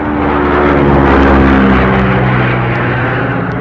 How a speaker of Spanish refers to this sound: La avioneta hizo un giro para continuar en la ruta señalada.